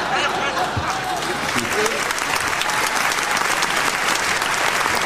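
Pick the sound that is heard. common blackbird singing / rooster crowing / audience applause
audience applause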